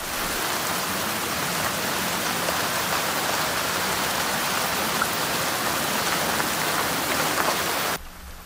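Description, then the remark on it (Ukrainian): Steady, dense rainfall hisses evenly for about eight seconds, a continuous wash of drops with no voices, then abruptly cuts off into a quieter, thinner tail. “Дощ, згідно зі словником української мови, це іменник чоловічого роду, який має такі значення.”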